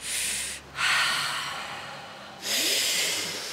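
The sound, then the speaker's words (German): Airy breathing demonstrated to control breathing and reduce stress, with no talking: a quick intake of breath, a long drawn-out exhale, then another strong breath in, each a loud, noisy rush of air. “Das heißt, du atmest ein, aber lange aus.”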